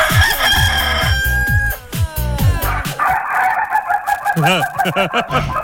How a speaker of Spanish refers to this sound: Se está riendo el gallo, ¿ah?